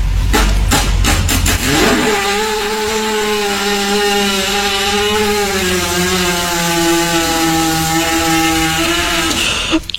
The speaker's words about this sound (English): For those of you who've missed it, that was a horse fart.